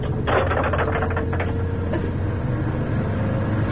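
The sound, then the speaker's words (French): Car windshield wipers clack and swish in a quick burst of dry strokes early on, set against a steady low engine rumble that drones on to the end, as the car arrives just below the occupants' home. “Vous entendez les essuie-glaces?”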